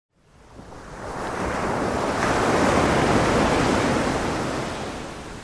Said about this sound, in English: From 11 p.m. at night until 5 in the morning, we bring you 6 hours of uninterrupted Isle of Wight ocean sounds.